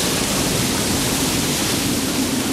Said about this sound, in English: He showed his anger with wild storms, roaring winds that bent trees and waves that crashed against the shore.